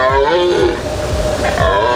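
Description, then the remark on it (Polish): A red deer stag (a male) roars loudly during the mating season (rut) in a forest of the Bełchatów Forest District, a deep, drawn-out guttural bellow with a strained, rising-and-falling tone that fills the two seconds without a break. “W lasach możemy już teraz usłyszeć ryk jeleni.”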